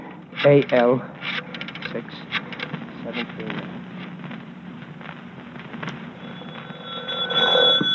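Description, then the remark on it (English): A telephone is dialed with a run of quick mechanical clicks to call the YWCA, and then a ringing tone starts up at the end. Faint background murmur sits underneath. “Hurry, Riley. Phone the YW.”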